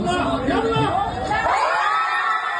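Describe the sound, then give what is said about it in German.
A dense crowd roars and cheers in the streets of Cairo, Egypt, as defender Hossam Abdelmagid scores the decisive penalty in the shootout win over Australia. Many overlapping voices shout and whoop loudly and continuously with no pause. “Ein kollektiver Freudenschrei in Kairo, als Abwehrspieler Hossam Abdelmagid den entscheidenden Elfmeter trifft.”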